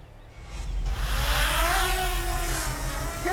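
drone flying

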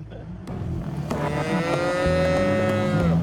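cows mooing

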